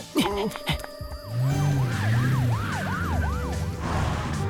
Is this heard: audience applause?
no